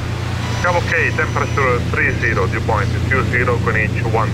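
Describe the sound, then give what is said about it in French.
A loud, steady aircraft engine drone fills the whole recording, a constant low hum, while a person talks continuously over it as the aircraft heads toward Lampedusa. “Donc on va essayer de changer l'avion et décoller dans moins d'une minute.”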